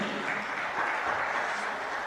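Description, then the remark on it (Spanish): Loud, sustained applause from a church audience, given to the Lord (Señor Celestial), a dense, steady wash of many hands clapping at once that holds evenly for the whole two seconds with no voices standing out. “¿Cuánto le damos ese fuerte aplauso en el Señor Celestial?”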